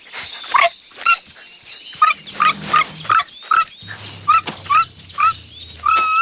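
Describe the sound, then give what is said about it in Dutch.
A small dog yaps in a quick series of short, high barks mixed with whiny whimpers, fairly loud, with a faint low hum underneath. “Mal hondje.”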